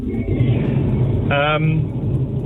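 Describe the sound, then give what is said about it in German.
Steady low rumble of a car interior while driving, a constant engine and road drone filling the background, with a brief snatch of a voice partway through. “Ob wir reden im Auto bei der Fahrt?”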